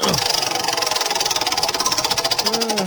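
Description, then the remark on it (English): The wheel of topics on the show Hammer and Emmett, spun as hard as possible, spins with a rapid, steady stream of ticking clicks from its pointer, a fast mechanical rattle that holds an even rhythm throughout, with a faint squeaky whine underneath. “I'm going to spin it as hard as I can this time.”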